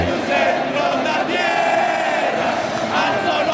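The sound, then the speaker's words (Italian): A huge stadium crowd sings the national anthem together, a loud sustained roar of many voices holding drawn-out melodic notes without pause. “Questo è il video di quando ho cantato l'inno nazionale.”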